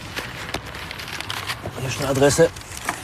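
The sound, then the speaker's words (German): Continuous crinkling and rustling of crumpled paper as someone rummages through an illegally dumped pile of paper waste in Stuttgart, with a short vocal murmur partway through. “Am nächsten Tatort angekommen, wartet besonders viel Papiermüll.”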